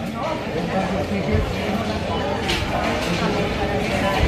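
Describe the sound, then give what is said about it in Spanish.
Busy ambience of the Mercado de la Concepción, a covered food market in Barcelona, Spain: a steady murmur of many overlapping voices with scattered clatter and footsteps, continuous, and a brief brighter clink partway through. “Mercado de la Concepción en Barcelona.”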